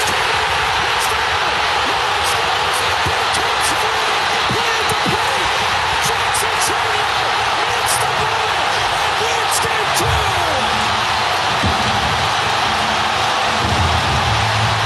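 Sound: stadium crowd erupting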